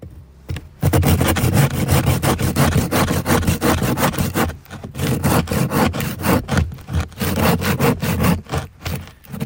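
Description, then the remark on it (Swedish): Loud back-and-forth sawing through a hard, high-density section of ice core from roughly 18 metres deep, with steady rasping strokes, a short pause near the middle, then the strokes resume. No one speaks. “Det låter ungefär som du sågar en planka, tycker jag.”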